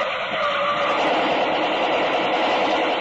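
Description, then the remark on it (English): A getaway car roars toward a roadblock at top speed without slowing down, its loud, steady engine and tire noise filling the whole stretch with a harsh, rushing hiss. No voices. “The car approaching was coming at top speed. Didn't slow down as it neared the roadblock.”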